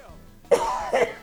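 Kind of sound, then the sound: human body sound, cough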